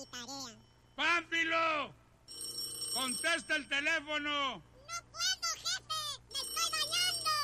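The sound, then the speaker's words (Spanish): A telephone rings in several warbling, melodic bursts with short pauses between them, fairly loud, over a steady low hum. “Bueno, tiene el número equivocado. Ese teléfono.”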